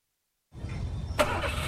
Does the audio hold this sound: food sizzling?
no